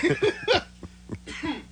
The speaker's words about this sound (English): So you know what? I'm not going to say it because I really have to cough.